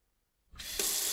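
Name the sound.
water running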